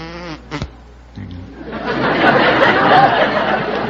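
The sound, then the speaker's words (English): A person briefly mimics a bumblebee with a low, droning vocal buzz, and a crowd soon breaks into loud, sustained laughter and chatter that drowns everything else out. “Yes, I can do a bumblebee.”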